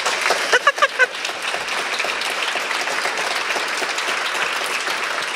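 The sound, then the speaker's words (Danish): An audience seated in a hall bursts into sustained applause, dense and steady for several seconds, with a few sharp whoops or cheers rising briefly near the start. “Der vil jeg da lige sniløbe der med en fed klapsalve, tak skal jeg, som sidder her og hygger sig rigtig godt.”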